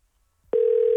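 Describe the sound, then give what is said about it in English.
Near silence, then halfway through a loud steady phone tone starts abruptly and holds to the end, a single unbroken electronic hum like the ring of an outgoing call, a cold call placed to a prize winner. “We're just going to cold call this person.”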